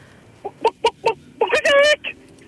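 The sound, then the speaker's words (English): A person imitates a chicken, giving a quick run of short clucks followed by a longer, drawn-out squawk, then one final cluck. “Alrighty, whenever you're ready, give me your best chicken impression.”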